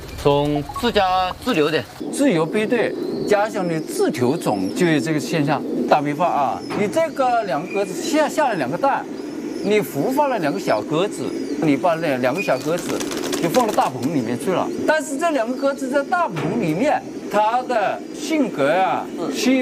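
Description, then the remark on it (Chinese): Many pigeons in a loft coo steadily throughout, a dense, murmuring chorus, while a person talks over it, pointing out a deformed, stunted pigeon with crooked feet. “这个鸽子，这就是典型的残鸽，长不大的，买不出去的。”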